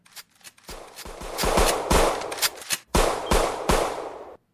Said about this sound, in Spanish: El sonido de las balas. El sonido de las balas interrumpió abruptamente la tranquilidad del recinto.